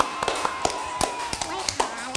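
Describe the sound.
Scattered hand claps ring out in an uneven burst, several sharp smacks spaced irregularly over a couple of seconds, with a faint background hum and a bit of voice underneath.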